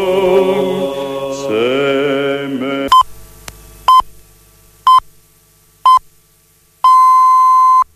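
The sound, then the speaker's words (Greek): A bit of music ends, then a radio time signal: short, loud beeps spaced a second apart, followed by one longer, sustained tone marking seven o'clock. “Η ώρα είναι 7.”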